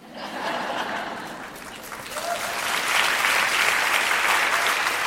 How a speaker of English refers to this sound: I gotta be honest, I wish that didn't get an applause.